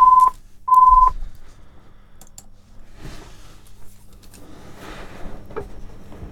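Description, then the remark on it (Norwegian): A telephone rings during a bingo game, with two short, loud electronic tones in quick succession at the start, followed by quiet handling clicks and rustling with no talking. “Og der ringer det allerede, gitt.”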